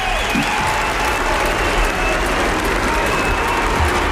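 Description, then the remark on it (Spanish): A large crowd of faithful standing in the Plaza de Santa María applauds steadily while waving flags, dense continuous clapping with a constant loud roar of hands and faint cheering mixed in, no pauses throughout. “En pie los fieles en la plaza de Santa María, aplaudiéndole, ondeando banderas.”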